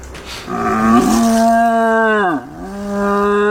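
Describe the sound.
A Croatian champion deer-call imitator blows through his own horn to imitate a young stag's roar: one loud, sustained, deep bellow with rich harmonics, dipping in pitch near the end and then holding steady.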